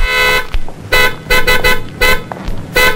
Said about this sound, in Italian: Lei ha clacsonato. Tu ha clacsonato. Io no. Ah sì, ho appoggiato appena il gomito. È un clacson sensibilissimo. Basta toccarlo, vede? Anche col gomito.